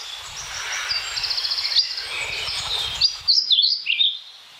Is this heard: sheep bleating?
no